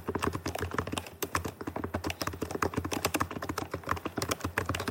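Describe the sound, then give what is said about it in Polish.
Steady, fast typing on a low-profile scissor-switch laptop-style keyboard with an ANSI US layout, with a continuous stream of soft, shallow clicks and taps, clearly audible with no voices. “Klawiatura brzmi mniej więcej w ten sposób.”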